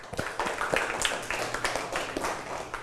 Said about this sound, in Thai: เพราะฉะนั้นเราต้องรักษาเอาไว้นะครับปรบมือให้เพื่อน